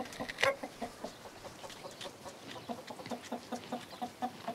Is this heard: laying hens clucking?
yes